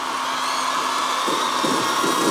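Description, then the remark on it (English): A concert crowd at the Big Weekend festival in Sunderland roars in a loud, continuous wash of cheering that holds steady throughout, growing slightly busier and more textured toward the end, with no single voice standing out. “Listen to that crowd.”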